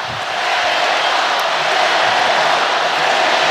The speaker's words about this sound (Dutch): Publiek moedigt, als ik dat goed begrijp, de Senegalezen aan. Die de bal hebben nu op de helft van de Belgen.